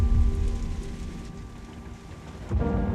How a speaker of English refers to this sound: She drove through the heavy rain, but on the way, she was caught in a sudden flash flood.